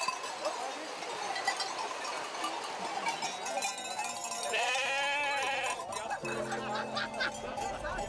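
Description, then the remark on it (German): A flock of sheep being driven over the mountains by herders bleats repeatedly, overlapping wavering cries, with cowbells clanking and a faint murmur of people in the background, in poor weather. “Es sind meistens mehr Leute als Schafe.”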